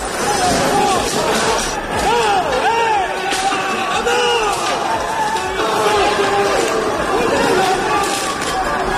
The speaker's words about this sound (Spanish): Gente encapuchada, vestida de negro, con palos, bates de béisbol, petardos y una batalla campal. Han volado sillas, mobiliario urbano. Este es el sonido.